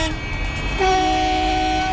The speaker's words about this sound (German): Von draußen ist zu Beginn der Sitzung lautes Hupen zu hören. Eine Demonstration gegen die geplanten Windkraftanlagen des Unternehmens Ennertrag im Frankfurter Ortsteil Güldendorf.